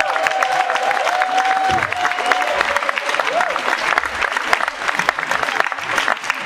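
An audience applauds steadily for several seconds, a dense wash of clapping with a few cheers, while a faint whistle-like tone glides briefly near the start.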